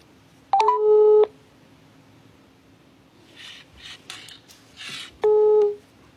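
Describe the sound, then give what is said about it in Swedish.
A phone line rings twice as someone calls a local company to ask for a donation to the Världens barn fundraiser, each a loud steady electronic tone lasting under a second, separated by a few seconds of soft clicky noise from dialing, with no one speaking. “Men först ska vi höra hur det låter när man ringer upp ett lokalt företag och skänker pengar till världens barn.”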